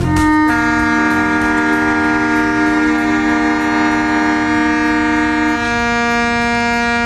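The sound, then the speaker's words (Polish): At 4:45, at a memorial ceremony by the Monument to the Defenders of the Coast, sirens break the silence, sounding together in a loud, steady, sustained chord of several horn-like pitches that holds without wavering for several seconds, with no voices. “Zgodnie z tradycją, ciszę i zadumę o 4:45 przerwał dźwięk syren.”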